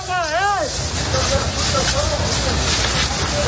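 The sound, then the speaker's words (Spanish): A steady, loud hissing roar like flames and hose spray as Military Emergencies Unit crews battle a wildfire house by house, defending homes in the Community of Madrid, Spain, opening with a brief wavering siren-like tone, with faint muffled voices underneath throughout. “Ahí podemos escuchar a los equipos de la Unidad Militar de Emergencias peleando casa por casa, defendiendo, trabajando sin descanso para proteger a la población y sus viviendas.”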